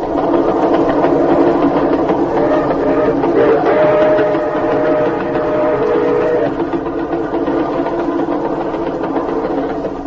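A moving train rumbles and clatters steadily throughout, a loud, continuous mechanical drone with a faint rhythmic chatter, with no voices.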